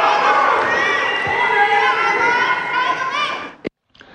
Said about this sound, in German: Unglaublich, diese Buhrufe und Pfiffe der offenbar demografisch und mathematisch ungebildeten Gewerkschafterinnen und Gewerkschafter.